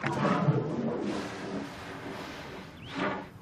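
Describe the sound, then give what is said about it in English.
An elephant herd calls across open ground, a few rough, drawn-out bellows and a brief high trumpet near the end, with no voices. “You hear that, boy? Your herd's not far from here.”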